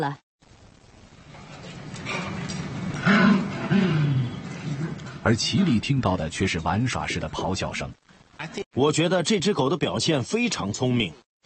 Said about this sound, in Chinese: 咆哮录音从狗笼子里播放出来，笼子前有块骨头。研究人员通过监视器观察斯托克能否明白咆哮声。他们给斯托克播放了护食的咆哮声。